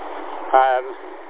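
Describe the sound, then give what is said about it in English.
Steady, rushing wind noise blows across the microphone outdoors on a windy day while the speaker walks beside a road, briefly overlapped midway by a short burst of a voice. “So yeah, it is windy.”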